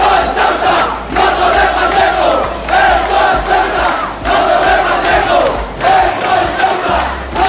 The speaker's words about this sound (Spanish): hubo que lamentar incidentes durante una concentración convocada por grupos de extrema derecha, a la que siguió una contramanifestación de ciudadanos ceutíes de origen magrebí, en la que se escucharon gritos de "esto es Ceuta y no Torre Pacheco".